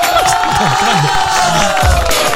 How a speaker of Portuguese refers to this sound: Uma salva de palmas para Ricardo Machado. Palmas. Palmas também para Santo Antônio.